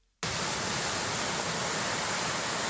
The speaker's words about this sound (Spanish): Y el sonido del mar se ha vuelto a mezclar con los chapoteos y las conversaciones de la gente. El micrófono de Radio Nacional se ha acercado hasta ahí, hasta la orilla, para conocer de primera mano pues cómo han vivido los melillenses esta reapertura